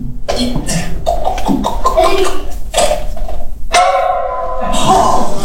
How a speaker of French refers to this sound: Bon, ben un coup de pommeau, ça change rien.